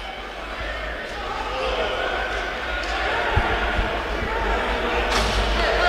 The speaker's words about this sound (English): here's some cheering coming. That is from the Vegas bench,